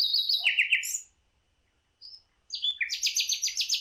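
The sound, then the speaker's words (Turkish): A bulbul sings bright, rapid whistled phrases, a burst of descending notes, a brief pause with a lone chirp, then a fast run of repeated high warbling notes, with no talking. “O zaman sadece biz bülbül dememişiz bu kuşlara, yurt dışında da aynı karışıklık var diye anlıyorum.”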